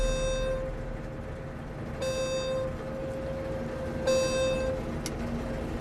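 Simon's new high-tech combine harvester sounds its 10-hour maintenance alert, buzzing three times, each harsh, steady electronic tone lasting about half a second and repeating every two seconds over a low engine rumble.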